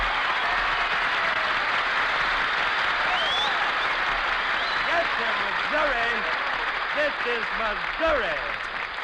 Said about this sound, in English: This is Missouri. Oh, Jackson, listen to that applause.